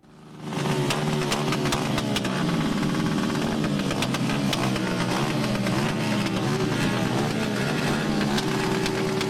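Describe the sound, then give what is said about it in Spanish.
Several motorcycle engines rev loudly and continuously, pitch rising and falling, with sharp exhaust pops and crackles scattered throughout, as motorcyclists accelerate and make maneuvers in traffic during a farewell tribute. No one speaks. “La explosión de escape, las aceleraciones, maniobras, bueno, entraron en el tránsito también.”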